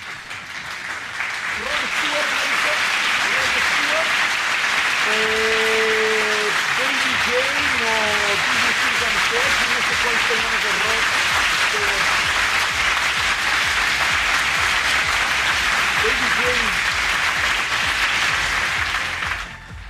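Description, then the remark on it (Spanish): A crowd applauds steadily for nearly twenty seconds, a dense, loud wash of clapping with a few shouted voices or cheers rising through it early on. “espérenme tantito, muchedumbre, aplaudan en lo que me preparo.”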